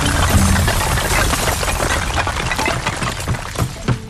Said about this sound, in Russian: Опять крыша храма упала, ни с того ни с сего. В третий раз уже.